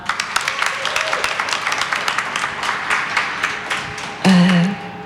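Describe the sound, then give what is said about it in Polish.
A crowd at a Tauron Ekoenergia power plant applauds the occupational safety (BHP) staff with steady, dense clapping for several seconds; near the end a louder voice cuts in over the fading applause. “I dla panów z BHP też dodatkowe brawa.”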